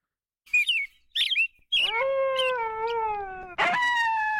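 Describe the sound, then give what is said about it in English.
A hoary marmot's shrill whistles: a few short, sharp chirping calls, then a long, loud, sustained whistle and a fresh burst at the end, with no talking. “The shrill whistle of the hoary marmot is a familiar sound to Alaskans.”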